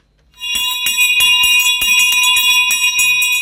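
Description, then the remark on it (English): A loud electric school bell rings continuously after a brief silent moment, its rapid metallic clatter buzzing steadily, with no voices present. “So, let's begin school party, classes, and let that bell ring.”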